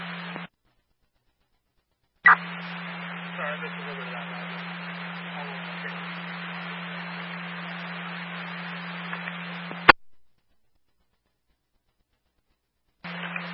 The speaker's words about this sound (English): It was all static for me.